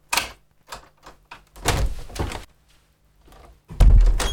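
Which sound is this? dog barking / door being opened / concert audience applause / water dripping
door being opened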